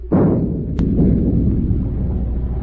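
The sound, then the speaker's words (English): A ship's forward gun fires a single heavy shot across the bow of a fishing boat, booming out with a sharp attack, then a deep rumbling roar that lingers and slowly fades, with one brief crack partway through the decay. No voices are heard. “Forward gun loaded. Fire a shot across the bow.”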